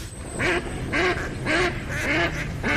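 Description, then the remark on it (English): Ducks quack over and over in a steady rhythm, about six nasal calls in under three seconds, fairly loud, with a constant low background hum and no talking. “Do you hear that? And that's music to my ears. Time to gear out for bird season.”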